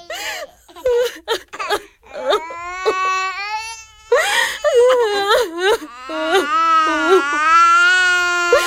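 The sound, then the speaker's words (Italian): Young children cry and whimper at night while their family is made to leave its home, with wavering, pitch-bending wails breaking into sobbing gasps, several voices overlapping almost continuously and loudly. “Non succede niente, bambini. Dobbiamo solo cambiare casa. Non piangete.”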